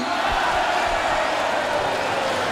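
A large crowd applauds loudly and steadily, a dense wash of clapping with scattered cheers that fills the whole stretch without a break.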